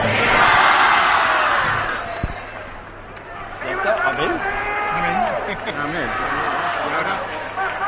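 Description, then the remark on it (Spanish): A large crowd roars loudly at first, then many voices keep shouting and cheering together in a dense, rowdy din that stays strong throughout, as the mayor runs with the rocket for the chupinazo that opens the San Mateo festival in Monzón. “cuando ya daba paso Javier Aventín al codetazo, que lo traía el cohete, el alcalde corriendo”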